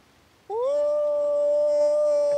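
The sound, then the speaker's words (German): A person imitates a wolf howl, a technique learned at a manager seminar: one long, steady, rising-then-held tonal cry starting abruptly and sustained loudly for about two seconds, with no talking. “Hab ich gelernt auf dem Manager-Seminar. Wie ein Wolf zu heulen.”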